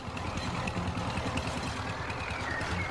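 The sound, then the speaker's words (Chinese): A tractor engine chugs steadily as the tractor carries Tu Youyou into the mountains, its low, rapid putter and rattling clatter continuing without a break and with no voices present. “屠呦呦把小季送上车，自己则坐上拖拉机进了大山。”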